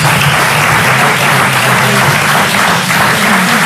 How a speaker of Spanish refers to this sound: Aplauso del Parlamento. Los diputados del Partido Popular están aplaudiendo este último discurso, donde López Miras no ha hecho uso de todo el tiempo que tenía para finalizar